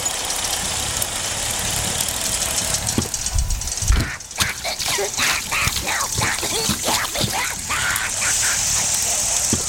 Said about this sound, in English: Guys, she's driving this way and picking up speed.